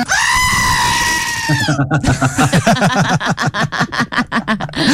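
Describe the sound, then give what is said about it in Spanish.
A loud goat bleat: a long, steady, nasal cry lasting almost two seconds, then breaking into a rapid series of quavering, stuttering bleats that wobble in pitch until the end. “Venga, qué chiva, huevón.”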